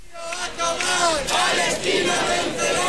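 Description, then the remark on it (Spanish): Thousands of people at a Sunday protest for Palestine chant slogans in unison, shouting "Palestina vencerá" and "que viva la lucha del pueblo palestino" in rising, rhythmic phrases that stay loud and sustained throughout. “Al grito de Palestina vencerá y que viva la lucha del pueblo palestino, miles de personas se concentraban”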